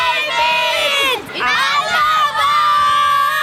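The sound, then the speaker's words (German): A stadium crowd shouts together in a loud, sustained roar of many voices, with a brief dip partway through before the massed yelling surges back. “Rufen wir nochmal gemeinsam.”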